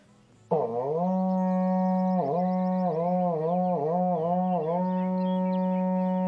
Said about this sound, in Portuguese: Toca o berrante aí, irmão. Louvado seja o berrante.